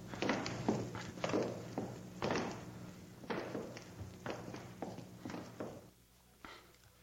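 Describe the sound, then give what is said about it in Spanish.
Footsteps of several armed men advancing slowly and cautiously through a house, a steady run of soft, irregular thuds and scuffs that fades out toward the end. “Vamos avanzando con cuidado.”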